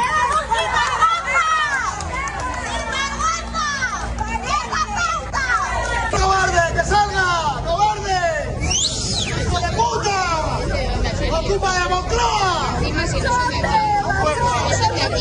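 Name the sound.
crowd shouting and jeering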